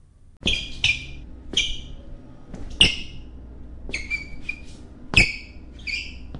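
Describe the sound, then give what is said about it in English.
Shoes squeak sharply against a hard office hallway floor, about eight short, high-pitched chirps landing with each step in an uneven walking rhythm, each one paired with a soft thud of the footfall. “How do I get my shoes to stop squeaking in the office hall?”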